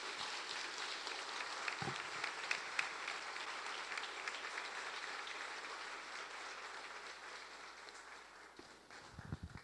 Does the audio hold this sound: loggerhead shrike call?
no